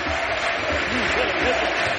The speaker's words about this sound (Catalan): Crits de Miguelete, a la grada.